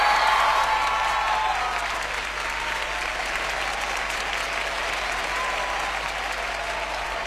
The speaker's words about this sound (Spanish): Un aplauso para mis músicos, por favor.